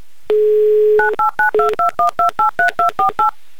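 A steady dial tone hums for under a second, then a quick run of about eleven touch-tone beeps as a phone number is dialed, evenly paced and clear, with no voices.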